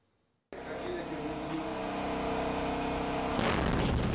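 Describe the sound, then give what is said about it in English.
After half a second of silence, a sudden loud explosion from a test of one of Unicorn's attack drones in Nigeria, simulating the damage it can do, erupts into a sustained, roaring rumble, with a second sharp burst near the end. “One of Unicorn's attack drones simulating the damage it can do.”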